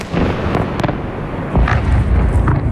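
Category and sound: impact, explosions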